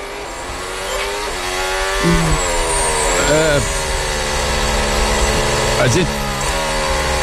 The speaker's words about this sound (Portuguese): Continua o safety car rodando e os carros atrás ainda. E uma ponta da pista tá bem molhado ainda e o spray sobe, mas na outra parte tá seca.